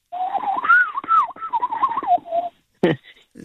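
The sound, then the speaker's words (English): A loud, shrill bird call rings out, a wavering, almost electronic warble lasting a couple of seconds, then a brief harsh burst after a short pause. “They're one of the few, I think it'd be, apart from the lyre bird in Australia is incredibly clever with its mimicking, but it almost sounds electronic. The call is so shrill.”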